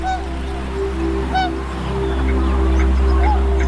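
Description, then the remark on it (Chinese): Honking calls of tundra swans ring out several times, mixed with faint chatter from other migratory birds over a steady low drone, at Wuliangsuhai, the largest freshwater lake wetland in the Yellow River basin, in early spring as the lake ice melts. “对小天鹅和其他候鸟来说，水面开阔、食物充足的乌梁素海是旅途中难得的驿站。”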